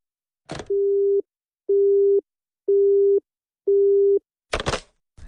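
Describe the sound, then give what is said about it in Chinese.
A sharp click, then a phone's busy tone after a call is hung up: four steady, evenly spaced loud beeps, ending with a clattering clunk like a handset being set down. No voices. “妈，没别的事儿，我就挂电话了啊。”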